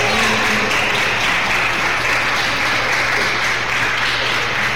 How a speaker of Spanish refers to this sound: Un aplauso para Jesús.